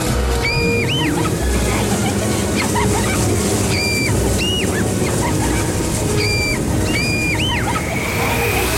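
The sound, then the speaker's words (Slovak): Loud, steady rushing of river water fills the whole stretch, with short high squeaky cries popping up in pairs every few seconds over the churning flow. “Pred nami je rieka!”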